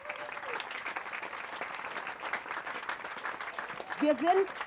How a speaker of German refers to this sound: Und jetzt ein großer Applaus für unsere Spielplatzbauer von der Tollerei. Wo seid ihr? Da.